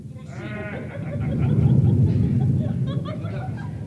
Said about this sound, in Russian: Ой, испугалась. Страшно в августе гром. А что страшно? И в декабре, дочка, слыхали.